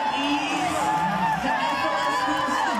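Hundreds of people at dawn in a hall in Hurstville, south Sydney, watching a live broadcast of the Eurovision final, scream and cheer as Australia's entrant finishes her final performance: a steady, loud roar, many overlapping high voices whooping and shouting together without pause.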